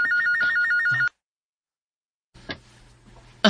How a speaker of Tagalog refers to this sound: Hala, mihunong na sa pagbagting ang telepono.